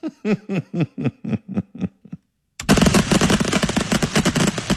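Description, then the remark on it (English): A loud, dense barrage of rapid-fire firework bursts from an unexpected fireworks show at Ocean Beach near the Beach Chalet in San Francisco's Sunset district on a Saturday night, crackling continuously after a short pause, preceded by a string of quick rhythmic voiced pulses like chuckling. “By the way, that's going off so rapidly and so fast, that's not even enjoyable.”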